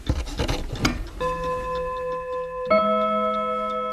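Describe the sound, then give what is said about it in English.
A Seth Thomas clock strikes two sustained, ringing chime tones in succession in a syncopated rhythm, each note lingering with a bright metallic shimmer, preceded by a moment of clicking and rasping mechanical noise from the clock having been moved. “And this clock, the way the chime is, he considered it syncopated.”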